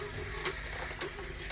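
Steady running water at an oasis, flowing continuously at a moderate level with a constant hiss and faint gurgles and no voices.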